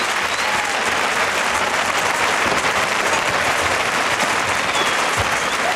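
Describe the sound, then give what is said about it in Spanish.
A large crowd applauds the bull steadily in a bullring, a dense, continuous wash of clapping that stays loud and even throughout, with no voices standing out. “aplaudiendo al toro también, claro.”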